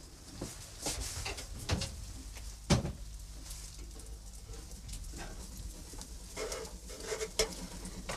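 An oven door is opened and shut to check on baking cookies, with light clattering and rattling and one heavy metallic thud midway, against a low background hum and no talking.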